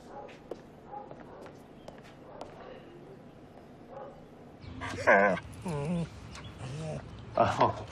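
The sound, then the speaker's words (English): A dog barks and whimpers excitedly as it greets its owner, in a few loud, yelping bursts in the second half after quieter rustling and footsteps. “You said on the phone you think he's your dog? Yeah, yeah, he's my dog.”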